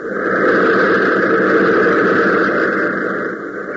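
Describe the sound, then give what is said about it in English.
A loud, dense roar of motors swells up in the first moments and then holds steady, with a throbbing, pounding texture underneath and no voices. “Even as Hop shouts frantically, the pounding roar of the motors increases.”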